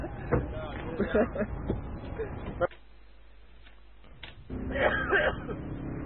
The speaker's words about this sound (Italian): Ma che odi, minchia, ma la tosse che hai, cazzo?